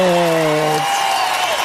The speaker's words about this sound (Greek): Ρίξε το χειροκρότημα, αγαπημένε Κωνσταντίνος Μανουσάκης, στην τεχνική υποστήριξη.